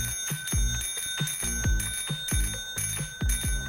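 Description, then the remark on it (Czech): A bicycle bell rings rapidly over and over, a bright metallic ting-ting repeated about a dozen times in quick succession, fairly loud with no one talking. “Prostě zvonek celkové kola. Každý to známe, možná si každý jsme už odškrtli v životě, že na nás někdy cinkal anebo prostě zvonil cyklista.”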